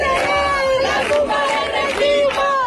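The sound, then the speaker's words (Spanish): A large protest crowd in Seville, Spain, chants at night against the central government. Many voices rise and fall together in repeated rhythmic phrases over a constant loud roar of the crowd. “Cánticos también contra el gobierno central.”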